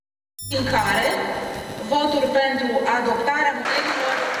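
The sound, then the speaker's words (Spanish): Applause in parliament after a censure motion against the government of Ilie Borzan passes with 281 votes in favour and 4 against: sustained applause that starts abruptly and stays loud throughout, with many raised voices and cheering layered over the clapping. “Aplausos en el Parlamento tras aprobar la moción de censura contra el gobierno de Ilie Borzan, 288 votos emitidos, 281 a favor, 4 en contra y 3 anulados.”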